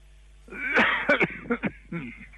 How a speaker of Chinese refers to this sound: 我刚才听咳嗽了，怎么了？嗓子不舒服吗？